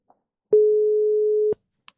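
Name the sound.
telephone call tone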